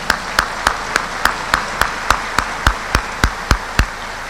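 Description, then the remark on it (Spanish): An audience claps in steady unison, welcoming a fair's royal court, a queen and princesses of Fresnillo, about a dozen sharp, evenly spaced claps over a few seconds, riding on a continuous wash of crowd noise, with no voices standing out. “Bienvenidas, un aplauso para ellas, gracias por estar aquí.”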